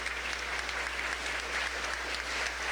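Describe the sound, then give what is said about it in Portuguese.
Sustained applause from a crowd for a couple after their kiss, a dense, steady wash of many hands clapping with no pauses, fairly loud and even throughout, with no voices standing out. “Agora um beijo bem bonito e uma salva de palmas.”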